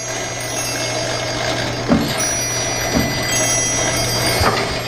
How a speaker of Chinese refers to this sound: 同济组正对门，钟表组的时间一直在叮当作响。